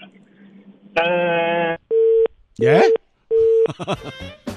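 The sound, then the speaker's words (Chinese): A telephone busy signal after a caller's line drops during a live radio call-in show: three short, evenly spaced mid-pitched beeps repeating in a quick steady rhythm, with a burst of line noise before them and a voice talking over parts. “是不是手机没电了？好，麻烦我们的导播来回拨一下。”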